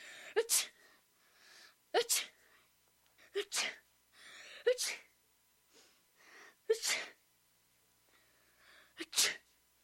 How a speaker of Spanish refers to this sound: y el niño estornudó 7 veces.